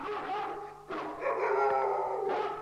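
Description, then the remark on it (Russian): Dogs from all the yards of a village bark and howl together as they rush at a bear, a continuous, overlapping chorus with sharp barks breaking through sustained wailing howls. “А собаки почуяли медведя и бросились на него. Со всех дворов бегут, лают.”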